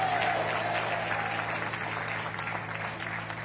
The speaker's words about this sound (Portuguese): Quantos podem bater palmas e dar glória a Deus? Podem dar glória a Deus.